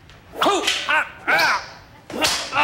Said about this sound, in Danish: Og Frank kommer til ved et uheld at piske hende.